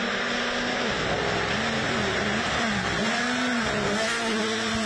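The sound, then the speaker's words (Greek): A WRC rally car engine revs continuously on a 21.3 km dirt special stage through dense forest in Arcadia, Greece, its pitch dipping and climbing as the throttle opens and eases, with a broad rushing roar behind it and no voices. “Με το πρώτο αυτοκίνητο να εκκινεί από τη Βλαχοκερασιά στις 9 και 19 το πρωί, η διαδρομή των 21,3 χιλιόμετρων έφερε τα αυτοκίνητα του WRC με κορυφαίους οδηγούς κατηγορίας να χάνονται μέσα στο πυκνό δάστος της Κυρίτιδας”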